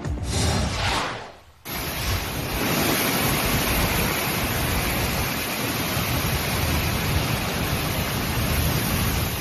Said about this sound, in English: Yeah, you could hear things like this to start the weekend and hear some thunder as well. So some heavy rain coming down, leading to a lot of scenes like this.